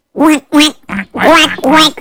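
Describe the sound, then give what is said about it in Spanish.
A person imitates a duck with five nasal, raspy quacks in quick succession, loud, the third one shorter and softer than the rest. “¿Y cómo hace un pato?”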